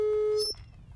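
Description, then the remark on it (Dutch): A telephone busy signal: one steady electronic tone sounds clearly for just under half a second, then cuts off, leaving a faint background hum. “Dus ude bezig. E bel den brada disi fu koi na uitzending.”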